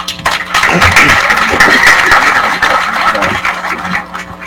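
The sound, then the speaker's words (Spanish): An audience at the San Isidro Labrador patron saint festival in San Isidro Chamat applauds steadily for several seconds for a man receiving a recognition, a dense, continuous patter of many hands clapping at full strength, with no voices standing out. “Muy bien, fuertes esos aplausos una vez más”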